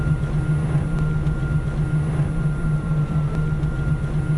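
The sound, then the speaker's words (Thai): A steady, low electric motor hum from a 100% electric car with no combustion engine drones continuously with a faint higher whine above it, even and unbroken throughout, with no voices. “แล้วก็อีกอย่างนึงคือเสียงเงียบมากค่ะเสียงเครื่องยนต์ไม่มีก็จะมีแค่เสียงมอเตอร์ไฟฟ้านิดหน่อยที่ปล่อยออกมา”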